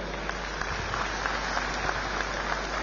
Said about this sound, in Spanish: La vamos a recibir con un fuerte, fuerte voto de aplausos.